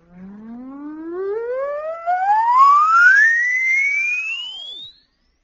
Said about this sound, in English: I'll play an oscillator for you. You write down a mental note of where you can't hear anymore.